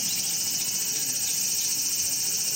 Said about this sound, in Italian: Ma che sei matto? Basta, che sembra che sta scoppiando la radio. Ma perché? Che c'hanno di diverso le cicale giapponesi, allora, rispetto alle nostre? Io che sono stata in Giappone ti posso garantire che sono innanzitutto più grandi